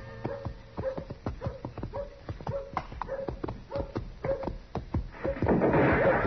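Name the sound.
horse hooves approaching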